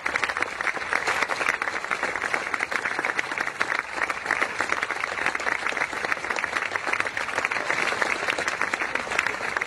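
Sustained applause from a crowd giving a standing ovation, dense and steady for the full ten seconds, many hands clapping at once without pause, fairly loud.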